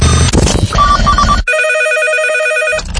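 A telephone rings with a loud, warbling electronic trill lasting just over a second, following a brief burst of busy, noisy sound. No one speaks.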